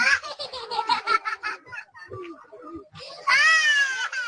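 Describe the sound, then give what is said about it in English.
A young child cries in a new displacement camp in the governorate of Taiz, Yemen: rapid, choppy sobbing bursts, a brief lull with faint background voices and noise, then a loud, sustained, high-pitched wail. “shared sound with NPR from one of the new displacement camps there”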